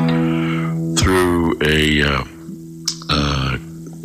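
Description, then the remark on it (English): An electric guitar through a Crate acoustic amplifier with a mild echo delay setting plays a few bright, ringing notes with a slight echo trailing off each one, over a steady low drone from a Korg Volca Keys synth that hums underneath the whole time. “A crate acoustic amplifier with a I'm using the mild setting on the echo delay, and then running the Korg Volk Keys synth behind it, right?”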